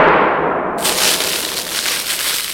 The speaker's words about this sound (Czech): Pekelnou slinou prskneš a oheň se sám rozhoří. Takhle.